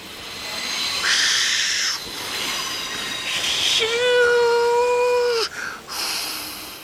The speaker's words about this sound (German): Gerade rollt er pustend und dampfend am Bahnsteig ein.